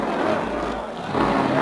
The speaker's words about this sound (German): Menschenmassen ziehen zur Avus-Rennbahn in Berlin. Die Presse ist schon aufmarschiert, weil Fridolin heute ausprobiert den Wagen, der bereitgestellt für seine Fahrten durch die Welt. Ah, wie der Wind rast er dahin. Jetzt hat er den Kompressor drin.